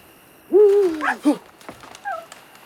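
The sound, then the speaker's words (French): An owl hoots once in the woods in a long, wavering, fairly loud call, then gives a short second note, followed by a faint, higher-pitched trailing sound, with no talking. “Une chouette.”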